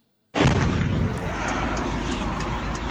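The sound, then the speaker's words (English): A drone strike explodes against a residential building in Russia's Tatarstan region, more than 1,000 kilometers from Ukraine: after brief silence, a sudden loud blast erupts into a dense, rumbling roar that stays heavy and steady to the end, with no voices. “This is the moment a residential building was hit in Russia's Tatarstan region, more than 1,000 kilometers from Ukraine.”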